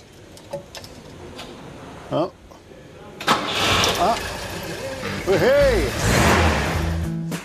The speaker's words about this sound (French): Même la pression d'huile est correcte. Fabuleux. Le solide moteur de la Volvo a démarré du premier coup.